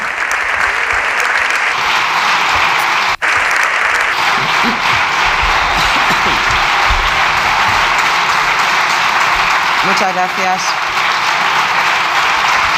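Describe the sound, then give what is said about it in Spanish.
Sustained applause from the parliamentary deputies of the Grupo Popular for Núñez Feijóo after his speech, steady and dense throughout, with a brief sharp knock early on and faint voices mixed into the clapping near the end. “No es a ella, es el Grupo Popular aplaudiendo a Núñez Feijóo.”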